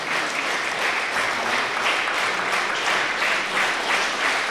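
Sustained applause from a concert audience at Unitarernes Hus on Østerbro in Copenhagen, clapping a string quartet and a pianist back onto the stage; a dense, steady wash of many hands clapping at an even loudness throughout, with no voices standing out.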